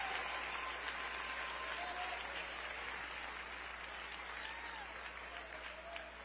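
Sustained applause from a large crowd, given in praise of the Lord, a dense steady wash of clapping that fills the whole stretch at an even level, with faint voices and cheers mixed in.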